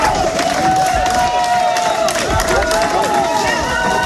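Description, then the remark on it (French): Sustained applause and cheering from a sizable crowd of supporters, including about twenty members of the feminist collective 8 mars toute l'année, outside the courthouse in Digne-les-Bains, France, greeting a conviction at the Alpes-de-Haute-Provence assize court, dense and steady throughout, with overlapping voices and shouts mixed into the clapping. “Des applaudissements nourris devant le palais de justice de Digne-les-Bains.”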